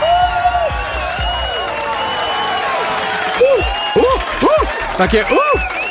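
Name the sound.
applause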